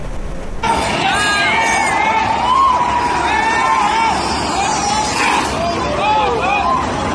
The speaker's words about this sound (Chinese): 市民反映，最近一到凌晨，就有一群鬼火少年骑着改装过的电动车、摩托车到东莞市长安镇泰安路飙车。车辆高速行驶期间，排气管爆发出刺耳的轰鸣声，周边居民苦不堪言。